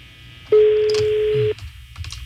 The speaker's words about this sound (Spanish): Está sonando. Teléfono de... La llamada será transferida al buzón de voz.